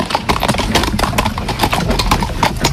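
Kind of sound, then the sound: animal, horse hooves clip-clopping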